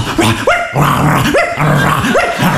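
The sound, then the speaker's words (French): A man's voice imitates a dog, as he was told to, while in pain, giving a run of loud bark-like yelps and growly whines in quick succession, repeating about four times with no ordinary speech. “Vous m'avez dit de faire le chien, putain, fais le chien, putain, ça me fait mal.”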